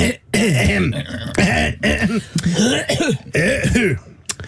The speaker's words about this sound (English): Sorry, clearing my throat.